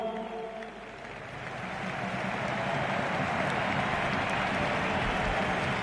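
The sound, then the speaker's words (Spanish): A large crowd at the Camp Nou stadium applauds Robert Lewandowski's farewell, with Polish flags, in a dense, steady roar of clapping that swells after the first second and holds loud and continuous to the end, with no voices standing out. “Emocionado Robert Lewandowski, la gente aplaude en el Camp Nou, banderas de Polonia, sigue hablando Lewandowski.”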